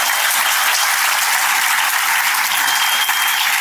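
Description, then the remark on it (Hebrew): Steady, dense applause from an audience: many hands clapping together in a continuous, loud wash of bright crackling claps that holds evenly for the whole stretch, with no talking over it. “תנו להם מחיאות כפיים זמן.”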